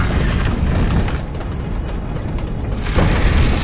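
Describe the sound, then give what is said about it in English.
After coins are inserted, the inside of a phone booth sinks underground like an elevator, with a steady, heavy mechanical rumble and grinding that holds throughout and swells slightly near the end. No one speaks. “Arthur inserts coins and the inside of the booth descends like an elevator.”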